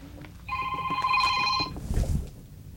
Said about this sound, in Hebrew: וואה, יש לך טלפון, אחי. טעות.